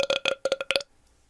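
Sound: person burping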